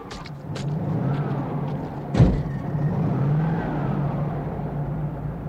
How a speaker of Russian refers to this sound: Машина тронулась, набирая скорость.